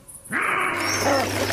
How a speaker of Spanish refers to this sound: El sonido de la berrea del ciervo, la llamada del lince ibérico